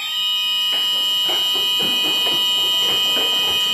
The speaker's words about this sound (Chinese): 随着急促的战斗警报拉响，由万山舰、川山舰、四方舰等多艘舰艇组成的中国海警舰艇编队立即调整航向，向目标海域快速机动集结。